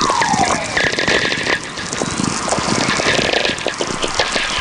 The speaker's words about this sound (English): These whistlers are really coming in big streams now. There's just one whistler kind of merging into the other, all slowly descending in pitch. Wow, these are so great.